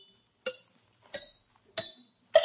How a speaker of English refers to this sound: The book says one can detect an ailing tooth by the dull sound it makes when struck lightly by a hammer. Sounds logical. Let's give it a try.